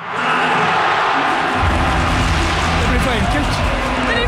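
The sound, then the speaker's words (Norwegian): Around 35,000 football supporters at Ullevål stadium in Norway cheer as the final whistle sounds on Norway's 2-1 win over Brazil: a loud, dense, continuous crowd roar that swells and deepens after the first second and a half, with shouts and whistles mixed through it. “Rundt 35 000 supportere på Ullevål eksploderte jubel da sluttsignalet gikk.”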